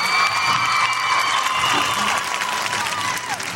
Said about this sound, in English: How y'all doing today? I have a round of applause